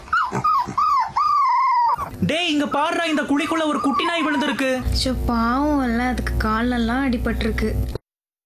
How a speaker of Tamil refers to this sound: ஏங்கா இந்த நாய் காலையில இருந்து பாக்குற அழுதுட்டே இருக்கு? தெரியலப்பா, நானும் கடை போட்டதுல இருந்து பாத்துக்கிட்டு இருக்கேன், இங்கேதான் சுத்திக்கிட்டு இருக்கு.